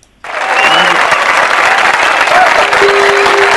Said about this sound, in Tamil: உங்களுக்கான அந்த கைத்தட்டல் இதோ.